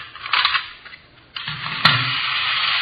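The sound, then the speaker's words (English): A miniature Sherman toy tank, with cannons on the side, runs on its small motor, which whirs and buzzes, sputtering unevenly at first, dropping off briefly, then settling into a steady grinding hum after a sharp click. No one speaks. “See this gadget here? Pretty clever, huh? Yeah. Miniature Sherman tank.”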